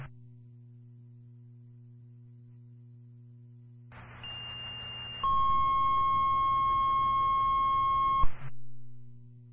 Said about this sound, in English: Dillardsville Fire, this is your cancel tone for the gas alarm at your fire department. Time of cancel, 1748.